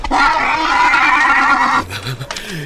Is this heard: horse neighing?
yes